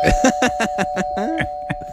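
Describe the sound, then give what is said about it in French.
A doorbell rings as a steady, unbroken mid-pitched buzz lasting about two seconds, with voices talking and laughing over it in short bursts. “ça sonne à la porte, tiens.”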